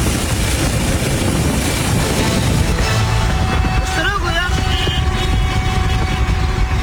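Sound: police helicopter in flight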